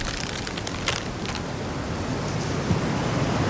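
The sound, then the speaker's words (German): A steady, roaring rush of stormy wind fills the whole clip, broad and unbroken, with a few brief hissing gusts rising over the constant low rumble. “Du hat nicht mehr lang. Dat Unwetter, mein ich.”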